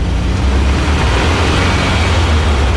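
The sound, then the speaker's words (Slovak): A steady, droning engine rumble with a broad wash of road noise, like riding inside a chauffeur-driven service car moving at a constant speed on a road between two towns in Czechoslovakia in 1955; loud and unbroken throughout, with no voices. “Vozíš sa ako pán,”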